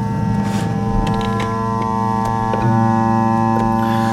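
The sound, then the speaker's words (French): Radio interference from a clock's power supply: a steady, loud electronic hum of layered tones with faint, regular ticking clicks about twice a second running throughout. “Donc c'est pas vraiment la radio en fait, c'est la radio qui écoute l'alimentation des horloges.”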